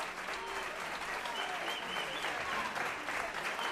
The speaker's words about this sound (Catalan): Aplaudiments